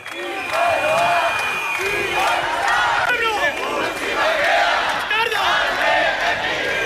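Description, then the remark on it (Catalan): A large crowd of about 2,000 demonstrators marching through the streets of central Bilbao shouts and chants together in a loud, continuous roar of overlapping voices, with rising and falling cries throughout. “Són els crits que avui han fet unes 2.000 persones, segons dades de la Policia Municipal de Bilbao, que s'han manifestat pels carrers del centre de la ciutat per denunciar l'actuació de l'Ertzaintza ahir en el moment de l'arribada dels activistes”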